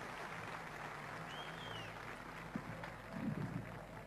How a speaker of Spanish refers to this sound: Fuerte el aplauso para todos ellos.